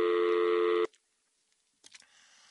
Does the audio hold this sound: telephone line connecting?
yes